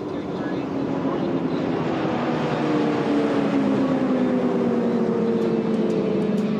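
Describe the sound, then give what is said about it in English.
A loud, steady engine drone from an outboard catamaran race boat's open exhaust, with harmonic tones that slowly bend downward as it passes, roaring continuously throughout with no talking. “Once again, you can hear the exhaust. Yep, got the open exhaust.”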